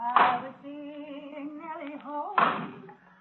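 Wood being chopped out by a barn: two sharp, heavy axe blows about two seconds apart, with a woman singing a sustained melody in between while stirring a supper kettle.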